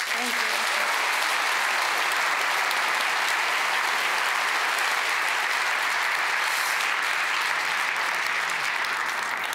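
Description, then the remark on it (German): Loud, sustained applause from a large audience, a dense steady clatter of many hands clapping that fills the whole stretch without letting up, congratulating the whole team of a short film. “Einen ganz großen Applaus und auch natürlich herzlichen Glückwunsch an das gesamte Team”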